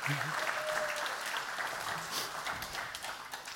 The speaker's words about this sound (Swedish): Men då får ni publiken får göra en applåd för damerna.